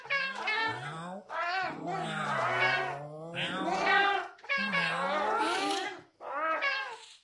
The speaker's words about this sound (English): They quickly surrounded him. He didn't take the cats seriously. Shoo. Shoo. Meow.